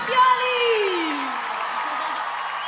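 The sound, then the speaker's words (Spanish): A crowd bursts into loud applause and cheering, with whoops and yells rising over steady clapping that fills the space and continues throughout. “Fuerte el aplauso”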